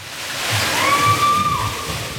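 Steady rushing water at a thermal water park on a humid July day fills the whole moment with a dense, even hiss, while a brief high, thin whistle-like tone rises above it midway and then fades.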